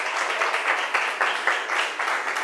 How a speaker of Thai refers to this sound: เก่งมากๆเลยปรบมือให้กลุ่มที่2 อีก1ครั้งค่ะ